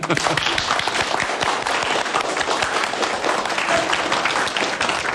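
Party members and cadres at a meeting applaud the Party secretary, dense overlapping hand claps forming a steady, loud roar that holds evenly for about five seconds with no voices standing out.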